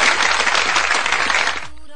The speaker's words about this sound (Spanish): Esos aplausos, por favor.